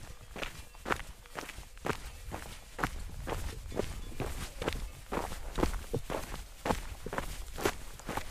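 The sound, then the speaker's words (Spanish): Steady footsteps of hikers in trekking boots crunch along a stony trail starting from Pagomacurre in Vizcaya, in an even walking rhythm, each step a sharp gritty scrape, with a low rumbling background and no talking. “Iniciamos la caminata aquí desde Pagomacurre, en Vizcaya, a 6 kilómetros de Areacha.”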